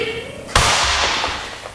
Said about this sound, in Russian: Ой, кто-то выстрелил.